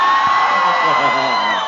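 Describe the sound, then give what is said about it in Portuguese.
A crowd erupts in loud cheering and shouting, many voices whooping and yelling together in a dense, sustained burst that fills the whole short stretch. “Quem gostou, então, um gritinho só pra animar.”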